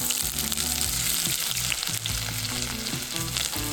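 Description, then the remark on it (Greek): Onions frying with garam masala in extra virgin olive oil, a steady, dense crackling sizzle that holds loud and unbroken throughout, with a few faint clinks and low tonal hums beneath. No one speaks. “Ξεκινάμε πάντα με σιτιακό ελαιόλαδο, έξτρα παρθένο, θα βάλω αρκετό και θα ρίξω τα κρεμμύδια μαζί με γκαραμ μασάλα να σοδαριστούν.”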